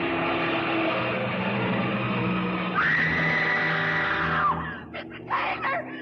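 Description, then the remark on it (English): A loud truck engine roars as the truck tries to run someone down stepping off a curb, then a woman's high, sustained scream cuts over it for about two seconds before sliding down and breaking off. “The truck had tried to run me down, and it would have if she hadn't screamed.”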